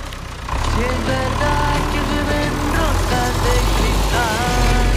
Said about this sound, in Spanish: Arrancamos el tractor Nahuen como nos pide siempre nuestro querido amigo.